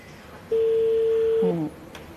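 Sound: telephone call being dialed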